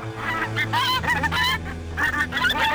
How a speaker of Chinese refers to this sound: 院庭里只有几只鹅在悠闲地乱叫，看见小五迎上去啄他的衣服。